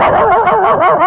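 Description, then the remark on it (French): A comedian imitates a dog with their voice as part of a routine of mouth sound effects, letting out a quick run of loud, voiced barks that blend together over about a second, with no other talking. “Non mais en vrai, c'est impressionnant, c'est-à-dire je refais tout ce que je veux avec ma bouche. Regarde, attention. Un chien.”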